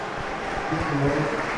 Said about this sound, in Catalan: I mira com ho celebra la graderia.